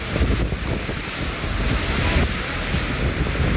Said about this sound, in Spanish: Uy, se escucha potente esa. Sí, esa viento. Con mucho viento. Atención, además. Mucho viento y bastante lluvia en sector. Ya lo habíamos dicho. Ahí nos estaban comentando. Sector de la ballena.